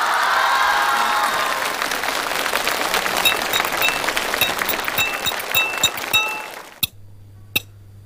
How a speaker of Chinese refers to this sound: 我说了这么多的好，来点掌声好不好？